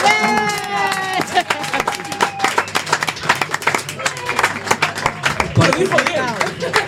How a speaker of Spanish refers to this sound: un aplauso enorme